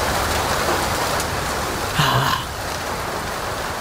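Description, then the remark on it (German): Steady heavy rain drums and patters on a car roof and against a roof skylight window, a dense continuous hiss with a brief louder burst midway, fairly loud, with no voices. “Der Regen prasselt aufs Autodach, gegen das Dachflächenfenster.”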